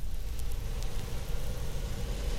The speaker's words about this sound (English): As the passengers are comfortably seated, they can hear the plane motors as they are each one fired in order. The first two are already running. Now three. And now four.